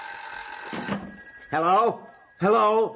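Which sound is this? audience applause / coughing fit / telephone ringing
telephone ringing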